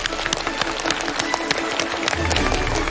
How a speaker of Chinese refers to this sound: 掌声有请开讲嘉宾